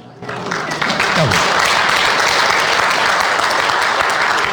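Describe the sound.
Sustained applause from a church audience for a pastor's 40 years of service, a dense steady wash of clapping that swells quickly at the start and holds loud and even throughout, with a brief voice or cheer early on.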